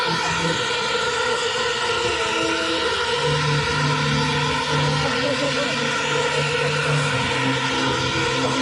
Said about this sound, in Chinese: 哦，朋友们看看看看看看看，我们的知名无人机团队已经起飞了。